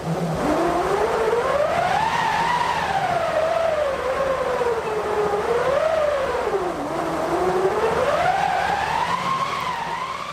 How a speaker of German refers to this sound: Eine Walze mit Kurbel, ein eingespanntes Stück Stoff aus Segeltuch oder Leinen und ein Holz- oder Metallgestell. Daraus besteht eine Windmaschine und die kann solche Klänge erzeugen.